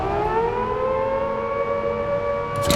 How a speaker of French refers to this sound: Le lendemain, à la première heure, les gardiens trouvent trois cellules vides. C'est la panique. On sonne l'alarme.